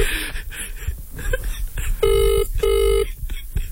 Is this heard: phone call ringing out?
yes